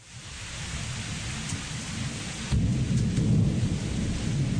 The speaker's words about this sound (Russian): Однажды вечером полил страшный ливень. Все улицы залило водой, и мы, промокшие до нитки, еле брели в полной темноте, скользя и спотыкаясь на каждом шагу.